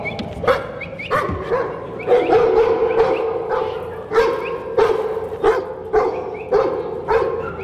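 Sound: working dog barking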